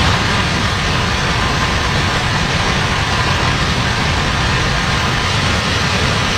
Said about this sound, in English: That's what it sounded like as rounds of heavy rain triggered significant flash flooding across the Midwest and West. A level 3 risk was in effect from Chicago to southern Montana, where storms dumped up to 4 inches of rain.